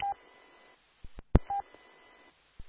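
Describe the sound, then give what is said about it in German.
Two short electronic keypad beeps from a telephone being dialed, separated by sharp clicks and knocks of handling, fairly quiet, with no one speaking. “Ja, ich habe gerade das Telefon. Kleinen Moment mal eben.”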